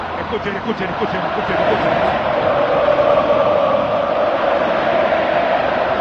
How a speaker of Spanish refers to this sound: Impresiona ver el despliegue, el aplauso de los austríacos. Esta presentación.